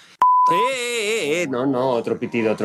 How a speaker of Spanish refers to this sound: No, otro pitido. Pitido y pixelamos. Sí, las dos cosas, sí. O cortamos, sí. Esto ha sonado como instrumento este del Tíbet.